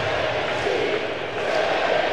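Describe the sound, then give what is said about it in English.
A large baseball stadium crowd chants the name "Randy" in unison, a loud, sustained roar of many voices with a rising, sing-song rhythm and no single voice standing out. “Crowd chanting Randy.”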